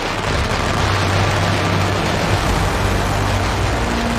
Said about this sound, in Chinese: 舞龙灯要在夜晚进行，两江镇的舞龙灯场面相当炸裂。及时一到，鸣放鞭炮，舞龙灯拉开序幕。